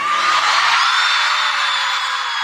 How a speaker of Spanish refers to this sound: Bueno, los gritos en México, qué locura.